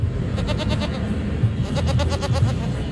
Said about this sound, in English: Students couldn't help but stop by and pet the goat duo, who were decked out in scarves that said vote.